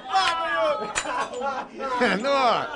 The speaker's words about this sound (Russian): Сможешь ли ты поставить сверху еще и свой стакан? Ну, да, ставь.